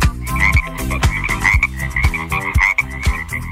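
Loud frog croaks repeat in a steady rhythm, roughly two per second, layered over a bright tonal musical backing with no voices.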